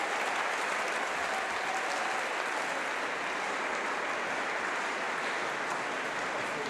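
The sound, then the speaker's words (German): Sustained, dense applause from a large concert audience giving conductor Patrick Hahn a minutes-long standing ovation after the last note of his final concert with his orchestra, a steady roar of clapping hands at even loudness throughout, with no voices standing out. “Ein letztes Mal vor seinem Orchester und einem Publikum, das ihn minutenlang mit stehenden Ovationen feiert.”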